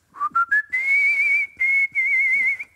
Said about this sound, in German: Donnerwetter. Er ist ein Kunstpfeifer. Ein Kunstpfeifer. Die … von Altona.